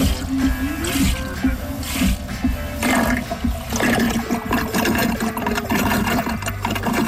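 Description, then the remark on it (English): A pump draws down a 5-gallon bucket of water in about 30 seconds, roughly 10 gallons a minute: a loud, steady churning rush with a low mechanical hum underneath, continuous for the whole stretch with no talking. “You can see it takes about, this is a 5-gallon bucket, and it takes about 30 seconds for the thing to draw down the 5 gallons.”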